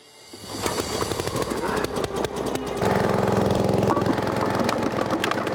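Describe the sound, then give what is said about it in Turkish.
The heavy engine of a gravel crusher starts up and runs steadily, a loud mechanical drone with rattling clatter and a low rhythmic thrum that grows louder, no voices. “Bu aleti çalıştırıp kendini kanıtlamasını sağlayacağız.”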